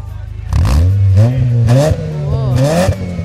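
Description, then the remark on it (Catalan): A car engine idles briefly, then revs loudly as the driver gives it gas, its pitch climbing and dipping through several throaty surges that hold for about three seconds. “Men, dóna-li gas, gas, gas.”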